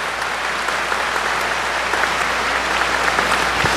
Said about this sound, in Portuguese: Eu acho que vocês merecem uma calorosa salva de palmas por terem vindo a este avivamento.